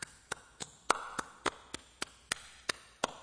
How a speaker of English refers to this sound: The Bible says you can use a praise the Lord with clapping hands. Now, I want to know if you hear this. You hear this? Just see if you can. You hear this?